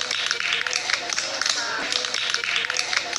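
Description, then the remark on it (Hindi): A group of children clap their hands in welcome, a dense, steady patter of many overlapping claps sustained for a few seconds without a break. “एक नए और अनोखे सफर की शुरुआत, चलिए ताली बजाकर स्वागत करते हैं।”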